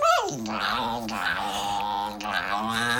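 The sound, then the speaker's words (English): A small dog growls steadily for about three seconds while a woman tries to cut its nails, a tense, rumbling snarl that wavers in pitch and swells slightly without a break. “The motorbike's taking a while to start up. He doesn't like it.”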